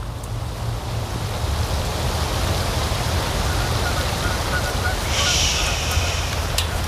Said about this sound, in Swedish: Året är 2004 och på Nälstabadet har personalen gått hem för länge sedan. Regnet öser ner i den upplysta utomhuspoolen